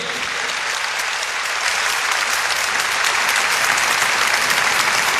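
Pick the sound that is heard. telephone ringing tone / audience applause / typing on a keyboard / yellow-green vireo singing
audience applause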